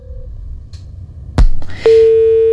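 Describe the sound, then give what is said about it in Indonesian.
A sharp click cuts through low background rumble, followed by a steady, loud electronic telephone tone that holds continuously to the end as a caller's phone-in line to a radio program disconnects. “Terputus.”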